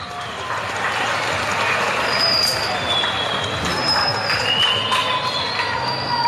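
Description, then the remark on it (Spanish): At the opening ceremony of the Copa Estudiantil 2026, a crowd claps loudly and steadily for several seconds to welcome Evo Morales, a dense wash of applause with a few high, thin whistles cutting through. “Fuertes los aplausos.”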